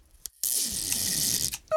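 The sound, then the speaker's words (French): A long, steady rasp of a long piece of adhesive tape being pulled off its roll, a bright crackling screech lasting over a second after a couple of small clicks, fairly loud. “Il déroule un grand bout de scotch.”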